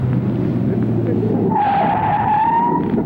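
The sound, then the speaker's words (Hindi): A car's engine rumbles steadily, then halfway through its tires let out a loud, sustained screech for over a second as it brakes hard to a sudden stop at a traffic light showing a stop signal. “तुम रुक क्यों गए? सामने ट्रैफिक लाइट में स्टॉप सिग्नल है।”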